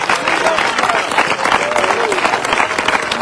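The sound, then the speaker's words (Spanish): Loud, sustained applause from an audience clapping for Christ, dense rapid clapping filling the whole stretch with a steady wash, with faint voices calling out beneath it. “De los fuertes aplausos al Cristo de la gloria.”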